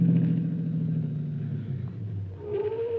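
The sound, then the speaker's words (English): A car engine rumbles at a steady low idle, then shifts pitch as the vehicle pulls along, with no voices over it. “There's Miss Miller's car, Chief. Better go behind the store, Harrington, so the Morrows won't see us.”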